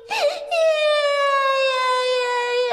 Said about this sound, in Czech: Ale prosím tě, Máničko, pláčem to nespravíš.